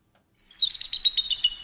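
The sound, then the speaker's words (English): An eagle call: a quick, high-pitched chattering run of about eight piercing notes, heard clearly with nothing else behind it. “These are just bird sounds.”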